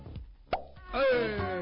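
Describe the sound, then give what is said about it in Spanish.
A bottle of cider, drunk from all week and with only a little gas left, is uncorked at midnight for a toast with one short, sharp pop, followed by a steady, faint hissing fizz that carries on to the end. No one speaks. “destapé, casi que le quedaba un poquito de gas porque vengo tomando la misma sidra de la semana, me dura una semana.”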